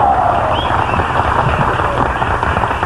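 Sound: audience applause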